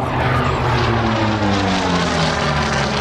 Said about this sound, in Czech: Tento matně černý letoun je posledním létajícím exemplářem, který byl nasazený v korejské válce. Bylo operačně nasazeno od roku 1950 a lítal u americké námořní pěchoty.